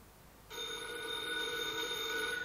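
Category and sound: household object, telephone bell ringing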